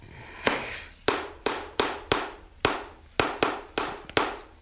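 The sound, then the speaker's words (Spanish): A series of about ten sharp hammer blows land in a steady, slightly uneven rhythm, each a loud crisp crack with a short ringing decay, and no voices in between. “Dio unos martillazos.”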